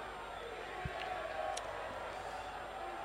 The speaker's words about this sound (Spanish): Ya digo, hay todavía gente en la zona de preferente, ¿eh?, que se ha quedado para ese tímido aplauso para despedir la temporada.